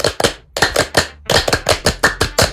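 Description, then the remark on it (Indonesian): A group claps together in the rhythmic Indonesian Pramuka Scout clap (tepuk Pramuka): two claps, a pause, three claps, another pause, then a quicker run of seven sharp, loud claps, with no talking. “Boleh gak kalau kita tepuk Pramuka dulu?”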